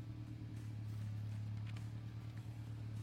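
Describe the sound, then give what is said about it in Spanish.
Rally car engines rumble steadily at the start line in Muyurina, setting off toward Andahuaylas, a loud, continuous low drone that holds level for the full few seconds without sharp revs. “Ahí se alistan los coches, rugen los coches desde Muyurina rumbo hasta Andahuaylas.”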